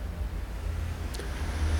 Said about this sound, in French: Le feu est rouge, boulevard Saint-Germain. Un homme avec une casquette blanche. Deux voitures.